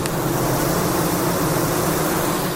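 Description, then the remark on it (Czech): A steady, continuous drone of worker honeybees hanging at a beekeeper's hive entrance in Czechia, fanning their wings to cool the hive in hot weather: a low, even buzzing hum with a faint airy hiss, unbroken and unchanging throughout, with no voices. “A tady vidíme, jak dělnice visí na tom česně a kmitají křidílky.”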